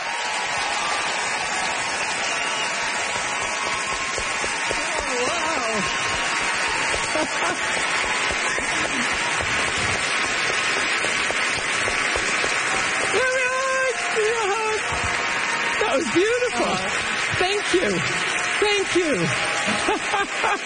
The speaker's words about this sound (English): Great applause, rock applause, and that's how you get to see folks.